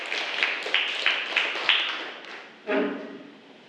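A group of people clapping together, a dense patter with a few sharper rhythmic beats, fading briefly before a short final burst of claps. Nobody speaks.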